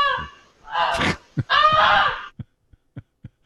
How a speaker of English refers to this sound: So that's actual audio of the goose.